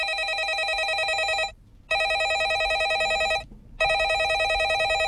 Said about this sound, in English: And fair dues, Bob, because I did just kind of go online onto the internet and just quickly write landline phone sound effect and record that in because I just needed it very quickly.